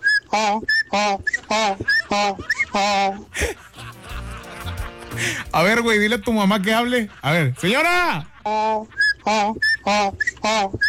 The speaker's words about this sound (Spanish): Qué buen chifla, que todavía chifla. Todavía chifla la señora.